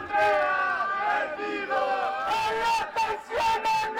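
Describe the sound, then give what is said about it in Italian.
A group of students shouts together in loud, rhythmic bursts, chanting the name of Andrea Moretti over and over with strained, high-pitched yells that rise and fall in unison. “Arriva un gruppo di studenti che urla il nome di Andrea Moretti.”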